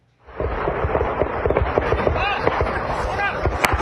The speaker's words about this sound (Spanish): En México, un enfrentamiento armado de grupos criminales en Michoacán desató el pánico entre campesinos que tuvieron que correr para refugiarse de los disparos.